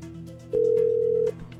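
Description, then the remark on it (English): A single steady ringback tone sounds on a phone line, a clear, loud, even beep lasting under a second, with a faint low hum and no voices: an outgoing call from radio station 107.7 WIBK to a listener to tell her she won concert tickets. “Now she's got to answer the phone.”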